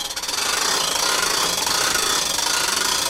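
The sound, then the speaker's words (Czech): A mobile surveillance camera tower's arm extends with a loud, steady mechanical whirring and grinding that holds a constant, buzzing tone throughout, with no voices. Police officers are deploying it, with its solar panel unfolded and chassis anchored, on the lower promenade by the bus station. “Jsme rozbalili solární panel, ukotvili podvozek a můžeme začít vysouvat rameno kamery.”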